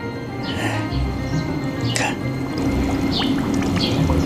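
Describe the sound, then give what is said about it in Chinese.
A soft, continuous liquid burble with scattered small bubbling pops as a hand-stitched shoe sole is dunked in water, bubbling because the sole is not dense inside, over a low hum, with faint voices murmuring in the background. “看着没有， 它放进去就冒泡泡了。”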